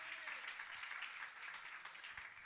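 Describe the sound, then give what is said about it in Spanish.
A church audience claps together in praise to God after a prayer, a dense, steady wash of many hands that stays loud and even for the whole stretch, with no voices standing out. “Le damos palmas de alabanza a nuestro Dios, hermano.”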